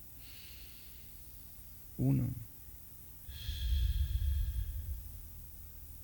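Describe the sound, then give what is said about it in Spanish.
A quick, audible inhale through the nose, then a long, deep, rushing exhale, with a single softly spoken word before the breath. “Y sigo respirando.”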